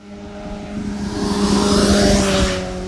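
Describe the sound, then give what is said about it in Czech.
A motorcycle speeds past a speed radar in Nová Rabyně, clearly faster than 50 to 60 km/h, its engine whine rising to a loud peak near the middle and then fading slightly as it rushes away. There is no talking. “Stojím v Nové Rabině přímo u radaru, okolo mě právě teď prosvištěl motorkář, který podle mě 100% může očekávat pokutu, protože rozhodně jeho rychlost nebyla 50 ani 60 km v hodině.”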